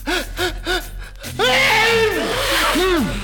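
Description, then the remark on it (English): A voice performs the wolf in Little Red Riding Hood sneezing furiously from hay fever after being handed flowers: four quick, rising gasping breaths build up, then a loud, explosive sneeze bursts out with a rush of noisy, wailing tones. “But the minute Red Riding Hood brought the flowers to him, he began to sneeze furiously.”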